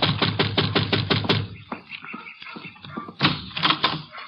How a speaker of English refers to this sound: And you better knock again.